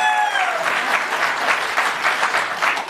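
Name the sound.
audience applause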